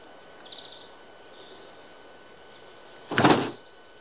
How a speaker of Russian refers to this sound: Идет к дому. Подходит к двери, дверь закрыта.